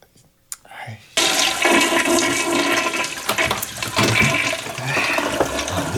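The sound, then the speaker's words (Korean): A toilet flushes with a sudden loud rush of water after a brief near-silent moment and a small click, the broad gushing roar holding steady for several seconds. “싸지도 않았으면서 물은 왜 내리노?”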